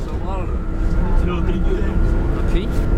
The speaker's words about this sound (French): Bon alors là nous quittons le lycée Bonnefonds, on est dans le bus et on part pour Vieille-Brioude voir un couple de maraîchers.